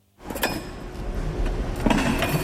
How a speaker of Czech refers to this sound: Alžběta sundává židle z velké hromady a rovná je do řad.